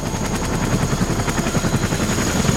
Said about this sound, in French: Dans un bruit de rotor assourdissant, 2 hélicoptères blancs se posent dans une clairière.